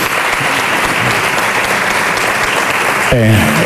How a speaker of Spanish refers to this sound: Un homenaje que fue recibido con una gran ovación por parte del público asistente.